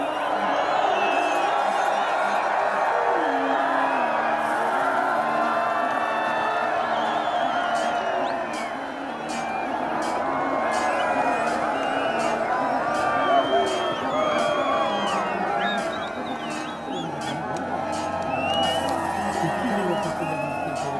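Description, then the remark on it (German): A loud, dense crowd of spectators roars and whoops continuously for about twenty seconds as the first riders approach the finish of a horse race, excited shouts rising and overlapping, with rapid rhythmic thudding like hooves running beneath the din. “Wenn sich die ersten Reiter dem Ziel nähern, dann gibt es bei den Zuschauern kein Halten mehr.”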